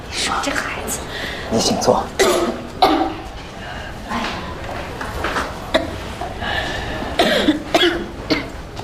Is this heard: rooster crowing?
no